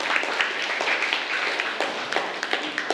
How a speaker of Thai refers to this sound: ปรบมือให้กลุ่มที่1ด้วยค่ะ